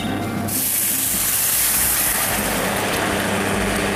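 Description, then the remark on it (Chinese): A loud, steady rush of hissing and sizzling bursts in suddenly as boiling water is poured into a pan of raw rice that has been stir-fried in oil for about eight minutes, then continues as a dense, bubbling roar. No one speaks. “然后我们就直接倒开水。”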